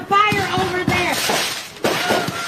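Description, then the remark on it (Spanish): A large load of fireworks carried in a moving truck explodes after youths threw a firecracker at the truck: sharp, irregular bangs and crackles over about two seconds, loud and chaotic, with a steady whistling tone and voices mixed into the din. “Todo empezó cuando unos jóvenes lanzaron un petardo hacia un camión de mudanzas, mismo que llevaba una gran cantidad de fuegos artificiales, desatando este caos.”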